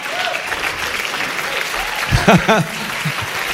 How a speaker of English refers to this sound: Oh, it's so 20th century when a commercial gets a round of applause.